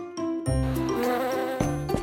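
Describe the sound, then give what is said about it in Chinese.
Bees buzz loudly and continuously, a dense droning hum whose pitch wavers and shifts a few times, with no voices present. “小蜜蜂，你们怎么了？我没有惹你们啊！”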